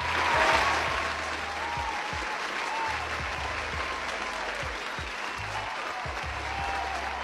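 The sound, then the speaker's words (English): Sustained applause from an audience, given as a round of applause for women to celebrate Women's Month: a dense, steady patter of many clapping hands that holds at an even level throughout, with a low rhythmic thumping underneath and no clear voices. “And I want to just give you a round of applause, ladies, this morning.”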